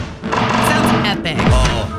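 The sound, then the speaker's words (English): Upbeat music from the mobile game Smash Fest plays steadily, punctuated by sharp metallic thuds and crashes of cans being smashed with a little cannon, with a quick descending whoosh near the end. Loud throughout, with no talking. “And I actually like the music in this. This is what it sounds like.”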